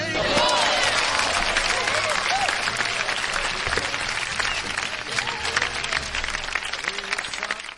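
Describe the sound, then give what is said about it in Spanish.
A crowd applauds steadily and loudly for several seconds, dense clapping filling the whole stretch with a few voices murmuring underneath before it gradually thins toward the end. “Un aplauso, por favor.”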